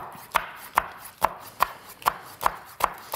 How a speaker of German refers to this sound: Dann schneide ich ein paar Peperonis klein.